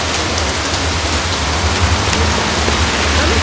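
Heavy rain pours down steadily outside a club, a dense, loud hiss of countless drops striking hard surfaces with a low rumble underneath, continuous and unbroken throughout with no voices.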